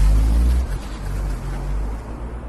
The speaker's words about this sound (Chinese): 明楼发动汽车驶离海军俱乐部